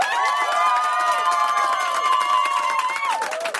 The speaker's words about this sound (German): Ah, wunderschön. Ja, alle sind motiviert, das liebe ich sehr. Ich liebe Live-Publikum. Ich muss nur die Hände weit ausstrecken und sie klatschen. Es ist so geil, ich liebe es.